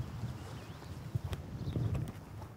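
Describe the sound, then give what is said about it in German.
Horse hooves clip-clop at an unhurried walking pace, muffled, as horses and wagons bring tourists to the beach at the Jendruš horse farm in Slajševo, over a low outdoor rumble with a faint chirp in the background. “Mit Wagen oder zu Pferd werden die Touristen hier zum Strand gebracht.”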